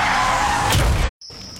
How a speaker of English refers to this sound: But then comes the crash.